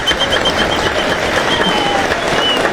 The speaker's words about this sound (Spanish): Pero vamos a recibir con un fuerte aplauso a nuestros invitados que nos van a ayudar con los sabores.